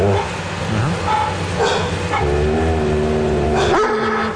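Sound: dogs growling and barking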